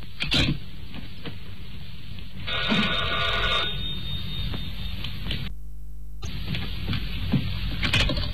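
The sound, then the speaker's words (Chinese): An old-fashioned telephone bell rings in a bright, rattling burst, stops abruptly, then resumes after a brief silence, with no voices, as someone places a long-distance call to the Paris exchange in the morning. “第二天一早，弗洛内起来就打电话，说明昨晚上他干得挺顺的。”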